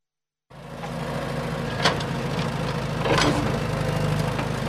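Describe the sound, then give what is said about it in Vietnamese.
Heavy engines of dozens of trucks, excavators and other machinery rumble steadily with a low droning hum and mechanical vibration, punctuated by brief hissing and clanking bursts, as they level ground and open service roads at the Hòa Tâm industrial park and Bãi Gốc port construction site. “Hàng chục xe tải, xe xúc cùng nhiều thiết bị cơ giới liên tục san gạt mặt bằng, mở đường công vụ, phục vụ dự án.”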